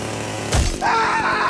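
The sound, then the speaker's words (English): A sharp crash gives way to a loud, steady whine of a chainsaw revving, its engine droning with a slight pulsing rhythm and no voices. “Going to be telling you a story about a guy who nearly cut himself in half with a chainsaw.”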